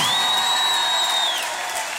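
Loud, dense applause from a cheering crowd, with a long, steady high-pitched whistle cutting through for over a second before the clapping eases slightly toward the end.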